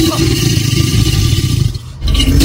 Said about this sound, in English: You find them near water. They've got long, scaly tails, big, strong jaws with sharp teeth. Well done if you've worked out. Our creature calling in is an alligator. Well done if you said alligator.